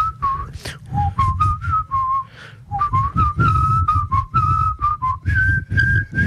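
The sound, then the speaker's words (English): A lone person whistles the first phrase of a folk song: a run of clear, sustained notes stepping up and down in pitch over a low background rumble, steady. “Someone whistled the first phrase to Bella Ciao while we were all meant to be quiet on the ground.”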